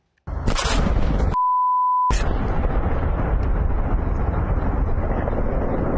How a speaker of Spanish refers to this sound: Y una enorme explosión sacudió un complejo industrial en Essex, Inglaterra. Vamos a verlo también.